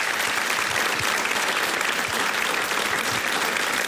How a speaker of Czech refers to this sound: Takhle vám tleská nabité hlediště.